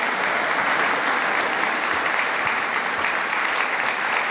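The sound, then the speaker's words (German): Steady, dense applause from a large audience at a concert by mezzo-soprano Léa de Sondré and lutenist Thomas Dunford with his Ensemble Jupiter in the Rokoko-Theater in Schwetzing on 22 May: a continuous wash of many hands clapping at an even level with no voices standing out. “Ihnen gilt hier auch dieser Applaus zu Ihrem Konzertabend im Rokoko-Theater in Schwetzing am 22. Mai.”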